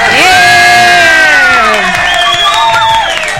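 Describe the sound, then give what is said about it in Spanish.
A loud crowd cheers and whoops continuously, many voices rising and falling together, with scattered clapping mixed in throughout the short burst. “Así es que saludamos y un aplauso.”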